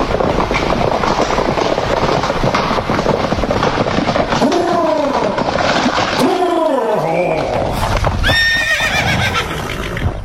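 Horses whinny loudly several times over a steady, busy clatter of hooves on hard ground, with a rattling rumble underneath from a Herasca carriage (diligence) drawn by two pairs of harnessed horses on the road from Bucharest to Ploiești, continuous throughout.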